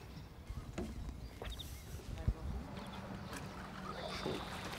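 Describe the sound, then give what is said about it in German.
A small boat in a harbour reaches the jetty without its engine, with steady splashing and sloshing, a single dull knock partway through, and light wind noise throughout. “Zum Glück erreicht er auch ohne Motor wieder den Steg.”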